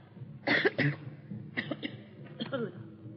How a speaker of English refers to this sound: It's really very seldom that I cough any more like that, but in a little while I'll be completely well